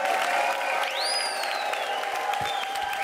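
A crowd at a pop-up concert in a bicycle shop claps steadily and densely throughout for the shop's owner, with a sharp rising-then-falling whistle cutting through the applause near the start.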